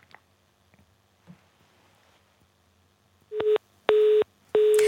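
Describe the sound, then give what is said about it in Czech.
A telephone busy tone from a failed call, after a phone connection is lost during an interview, sounds loud: three steady electronic beeps in an even on-off rhythm, following a few seconds of near silence with faint line noise and small clicks. “Tak bohužel ani telefon nefunguje, tak se omlouváme velmi za to, že se nám nepodařilo obnovit spojení”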